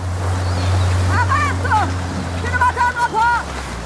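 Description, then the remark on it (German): A motorboat's steady low engine drone as the boat carrying Medea approaches a beach in a scene of a modern film adaptation, running beneath rushing surf and wind-like noise, while several voices call out briefly over it near the middle and end. “Mit einem Motorboot nähert sich Medea dem Strand.”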